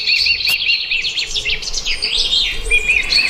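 Several birds chirp and warble continuously in a dense, overlapping chorus of high, rapid notes, fairly loud, with a faint low rumble underneath and no talking.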